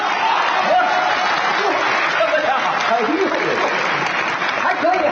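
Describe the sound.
Sustained audience applause encouraging a performer fills the whole stretch, a dense steady clatter of many hands, with scattered voices and a few cheers mixed into the crowd noise.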